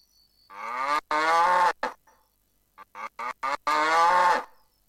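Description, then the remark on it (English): A cow moos twice, each a long, loud, drawn-out low call with rich harmonics, separated by a brief pause with a few short clicks or knocks in between. “Sapi. Sapi. Cow. Cow.”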